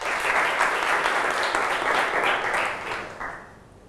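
A class in a maths lesson on linear inequalities in one variable bursts into sustained applause for themselves, many hands clapping in a dense, steady wash that holds for a few seconds, then thins and fades out. No talking over it.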